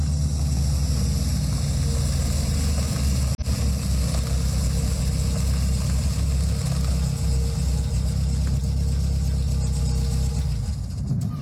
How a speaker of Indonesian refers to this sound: Suara rombongan mobil datang, disertai dengan tapak kaki dan suara riuh.